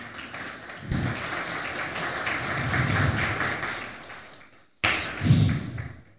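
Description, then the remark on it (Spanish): An audience bursts into loud, sustained applause, a dense wash of many hands clapping that fades briefly, cuts out, then surges back for a final stretch. “Denle fuerte aplauso, amén.”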